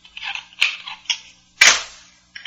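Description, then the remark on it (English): A single sharp pistol shot, fired from a gun inside a suit pocket, cracks out loud and decays over about half a second, set among a few softer clicks and hissy rustling, with no voices. “Open it, Shannon, or this gun in my pocket will go off, ruin my suit and you.”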